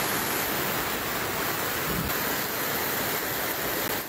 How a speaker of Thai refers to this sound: มาเลยครับน้ำออกห้วยมาแล้วครึ่งกำแพงบ้านเลยครับตอนนี้ข้างล่างครับเตรียมรับมือเลยครับเก็บของขึ้นที่สูงให้หมดเลยนะครับ